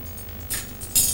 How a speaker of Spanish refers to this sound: Coge varios cubiertos de un cajón de la cocina.